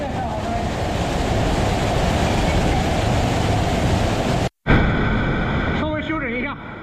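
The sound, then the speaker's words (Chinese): A small waterfall about 5 metres high rushes and splashes in a steady, full roar as fast water drops over rock steps in three cascading tiers, in a cave; the sound cuts out abruptly for a moment, then resumes with faint tonal sounds layered over the water. “这5米的高度虽然规模不大，但湍急的水流跌在台阶上，跌出了3级瀑布叠水的景观。”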